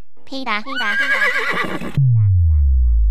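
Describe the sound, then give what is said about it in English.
A horse gives one loud whinny with a shrill, wavering pitch that trembles downward over about two seconds, then ends in a deep, rumbling snort. “The horse is here.”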